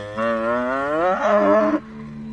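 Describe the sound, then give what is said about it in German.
A single long, loud moo from a cow on a pasture, rising in pitch partway through, followed by a low steady hum after it ends. No one speaks. “Einige Stunden nach der Rettungsaktion geht ein Dorfbewohner noch mal zur Weide, um nach der Kuh zu schauen.”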